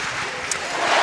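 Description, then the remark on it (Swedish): A stadium crowd at Alexander Stadium in Birmingham cheers as Jaroslava Magoushi clears 1.97 m in the high jump, a dense, steady roar that swells a little louder toward the end, with one brief high-pitched cry standing out midway. “Och jubel på Alexander Stadium när Jaroslava Magoushi klarar 1,97 direkt i höjdhoppet.”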